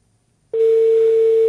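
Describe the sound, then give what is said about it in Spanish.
After a brief silence, a landline telephone tone starts abruptly and holds as a loud, steady, unbroken hum through to the end, with no voices. “Pero esto no es timbre de celular, ¿no?”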